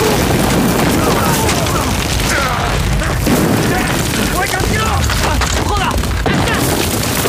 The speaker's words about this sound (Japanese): 愚か者が何をやっとるんだ。なぜ我々の砲弾が味方の陣地に落ちるんだ。 大佐殿、我々は大砲部隊取りません。戦軍の反撃砲です。